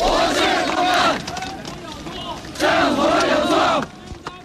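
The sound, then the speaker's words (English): A large crowd of protesting students and workers in Tiananmen Square, around Hu Yaobang's funeral, shouts the slogan "Down with dictatorship" in unison, two loud rhythmic bursts of chanting separated by a brief lull of milder crowd noise. “Students and workers in the world's largest square, in defiance of government plans to seal off the area for Hu's official funeral, shouting, "Down with dictatorship."”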